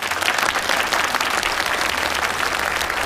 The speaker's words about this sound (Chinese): 让我们掌声欢迎